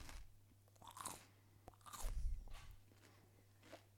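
Loud crunching as someone bites into a piece of celery and chews it on the microphone: several wet, snapping bites and chews in irregular bursts, with a steady low hum underneath and no talking.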